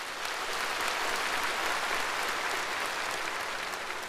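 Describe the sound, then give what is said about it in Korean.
Thunderous applause from a large audience as General Secretary Xi Jinping finishes a statement in a report of over an hour, a dense and steady roar of clapping that holds at a constant loud level throughout, with no voices rising above it. “습근평 총서기가 이 말을 끝내자 현장에서는 우려와 같은 박수 소리가 터져나왔습니다.”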